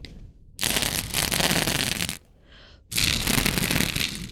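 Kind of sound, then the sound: nature, wind blowing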